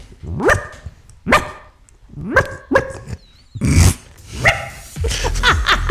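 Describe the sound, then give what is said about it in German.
A person on the radio imitates a small yapping dog, letting out a series of sharp, high yaps and short yips in an uneven rhythm, fairly loud, with a noisy breathy burst midway. “Oh Gott, dass das mal vorkommt, dass ich im Radio einen Hund nachmache.”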